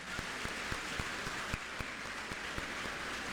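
An audience applauds steadily, many hands clapping into a dense, even patter with a few sharper claps standing out. The applause stays fairly soft and continuous throughout, with no talking over it.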